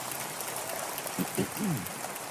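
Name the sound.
audience applause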